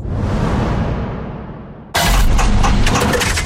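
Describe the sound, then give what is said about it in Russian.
A car engine, failing from corrosion and overheating, roars roughly and sags, losing power for about two seconds, then gives way to a sudden loud clattering crash and a heavy, grinding rumble as it fails. “Слышали, как прощается двигатель?”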